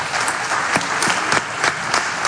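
An audience applauding loudly for the guests of a discussion, a dense and steady wash of many hands clapping with a few sharper claps standing out, sustained throughout.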